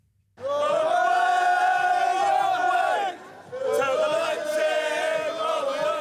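A loud crowd of football fans sings a chant together in front of the oversized Conference League trophy at the former Leipzig Zentralstadion, before the final between Crystal Palace and Rayo Vallecano, voices blending into a sustained, droning melody in two long phrases with a brief dip in between.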